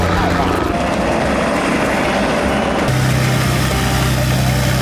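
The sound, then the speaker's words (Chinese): A light aircraft's propeller engine drones loudly and steadily at an airport with many planes, its pitch shifting lower partway through, with indistinct voices mixed into the roar. “哇，这好多飞机啊！”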